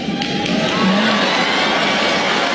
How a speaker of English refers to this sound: Well, yeah, I was just going to say you're applauding now, but you're going to be out there looking for a gig.